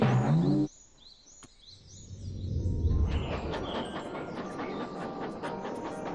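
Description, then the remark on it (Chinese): A little train rushes past very fast. A brief tonal blast cuts off, then a low rumble swells into a steady clattering run with rapid rhythmic clicks, and faint chirps sound above it. “小火车怎么跑得这么快呀？”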